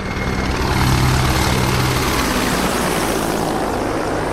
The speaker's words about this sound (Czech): To byl průlet vrtulníku a teď už může začít samotná přísaha.